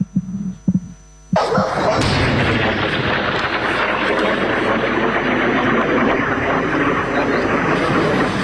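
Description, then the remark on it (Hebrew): After a brief low hum, a loud, deep rumbling roar of missile interception explosions bursts in with a sharp boom and keeps thundering steadily for several seconds, with no voices. “תוך כדי שאנחנו פה מדברים, טילים באוויר, ירוטים.”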